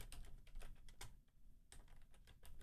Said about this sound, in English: You know, I'm having a little, I don't know what's happening with my typing.